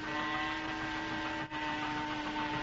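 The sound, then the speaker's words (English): A little portable power saw runs on the deck of a yacht with a steady, buzzing, harmonic motor whine that holds at a constant loud level, broken only by a very brief dip midway. No one speaks. “Jerry is running a little portable power saw on the deck of the yacht to cover up the noise of the pumps transferring oil to Johnson's boat for the escape attempt.”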